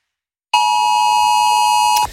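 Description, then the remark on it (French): A loud, steady electronic alert tone from a phone's emergency weather alert sounds for about a second and a half, a sustained harmonic beep that starts abruptly after a short silence and cuts off sharply, with no voices. It sounded when the Gard department in France went to red weather alert on 30 September. “C'est une sonnerie qui vous a peut-être fait sursauter lorsque le Gard a basculé en vigilance rouge sur la carte de Météo France.”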